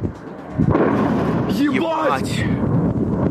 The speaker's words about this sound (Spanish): Cerca de las pistas del aeropuerto de Sheremetyevo, lejos de las terminales, se produjo una explosión.